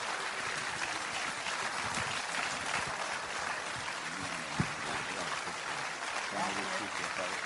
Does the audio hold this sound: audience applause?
yes